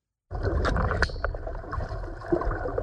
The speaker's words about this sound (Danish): Vildt nok. Det virker simpelthen. Ja. Vand og pling.